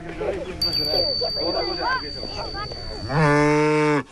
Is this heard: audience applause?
no